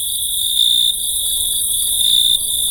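Male crickets chirp steadily at night, rubbing their wings together, a dense, continuous high-pitched trill that fills the air without pause, with a faint low background hum beneath it and no voices.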